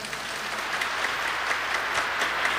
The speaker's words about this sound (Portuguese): E boa tarde para você que veio ao santuário. Vamos dar uma salva de palmas para quem está lá em casa.